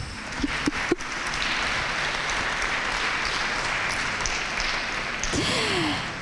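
Steady applause from an audience at a school presentation, a dense wash of clapping that holds at an even, fairly loud level for several seconds, with a brief voice rising near the end.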